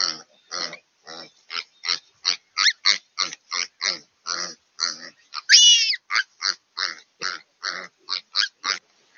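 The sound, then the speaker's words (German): Piglets grunt in a rapid, steady series of short bursts, about two or three per second, with one louder, higher-pitched squeal partway through, as several ravens chase them and pull at their tails; no one speaks. “Verschiedene Raben jagen die Ferkel.”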